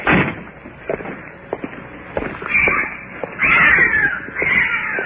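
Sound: cat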